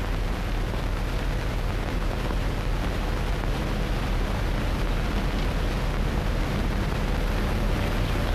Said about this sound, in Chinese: 连长，连长，摩托车来了。 有多少？ 看不清啊，下来吧。